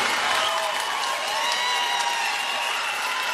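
Steady audience applause, a dense wash of clapping with some faint crowd cheering mixed in, holding at an even, fairly loud level throughout with no speech over it.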